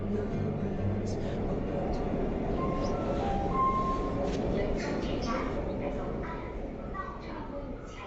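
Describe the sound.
Steady rumble of a late-night Shanghai Metro Line 10 train in motion, with a brief announcement chime rising faintly above the noise midway through and muffled voices in the background.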